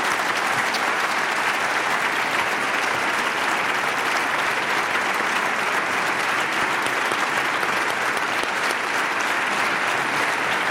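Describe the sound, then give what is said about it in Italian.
Sustained audience applause fills the whole stretch, a dense, steady roar of many hands clapping with no pauses and no voices rising above it, a big round of applause for a songwriter. “a cui facciamo un grandissimo applauso.”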